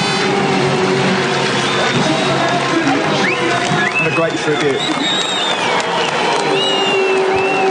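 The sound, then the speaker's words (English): A large outdoor crowd of fans along the top of the mountain at Bathurst applauds steadily for several seconds, with scattered cheers and a few rising whistles, and indistinct voices murmur throughout; a 2026 Supercars tribute to nine-time Bathurst winner Peter Brock, 20 years after his death. “As they go up along the top of the mountain, all the fans providing a round of applause.”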